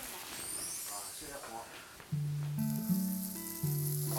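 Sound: hot oil sizzling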